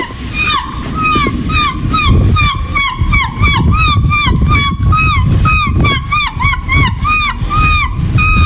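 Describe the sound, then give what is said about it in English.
A 59-year-old woman imitates seagull calls, a rapid, continuous string of high, yelping squawks that rise and fall, heard over a steady wash of splashy, water-like noise. “The 59-year-old first discovered her unlikely talent at the age of 8 and has been imitating the birds ever since.”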